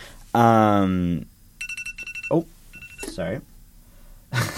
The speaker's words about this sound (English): Sorry if that... I'm already awake! Sorry if that's your alarm.